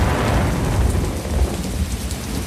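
Steady, heavy rain hisses across the whole clip while a deep, rolling rumble of thunder churns underneath, loud, with no voices.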